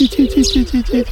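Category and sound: bird, common shelduck calling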